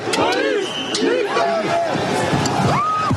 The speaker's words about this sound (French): Malgré les appels à la dispersion, la foule reste agitée et refuse de quitter les lieux.